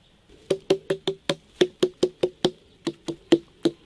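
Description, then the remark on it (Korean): Someone knocks on a watermelon to judge how well its flesh is filled; this one is somewhat hollow inside. About fourteen quick, dull thumps with a low resonant tone, in two rapid runs separated by a brief pause, with no talking. “얘는 속이 좀 빈 거죠.”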